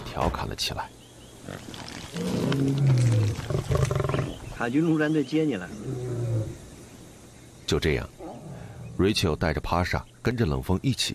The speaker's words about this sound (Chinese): 眼前正有几头狮子撕咬着刚刚扑杀的斑马，无奈之下，他只好回到车上。